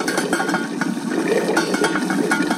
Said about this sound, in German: Jetzt kocht mein Wasser hier im Topf und ich zeig's euch nochmal.